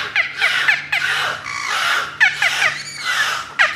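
A beluga whale calls in a series of high, squealing chirps and whistles, repeated in bursts with short gaps, fairly loud, resembling a gull's cries.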